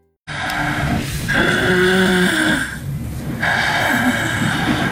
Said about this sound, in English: Obstructive sleep apnea may sound like snoring, but it can also sound like a car crash.